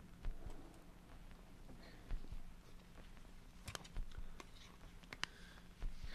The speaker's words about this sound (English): which was created by making sound on paper.